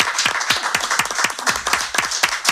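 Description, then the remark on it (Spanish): An audience applauds steadily, many hands clapping at once in a dense, crackling patter that stays fairly loud and even throughout, with no voices standing out. “Bueno, un aplauso, un aplauso.”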